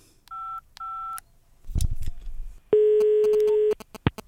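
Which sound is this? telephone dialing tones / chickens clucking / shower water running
telephone dialing tones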